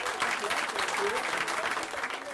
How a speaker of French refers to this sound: On va lui faire un tonnerre d'applaudissements.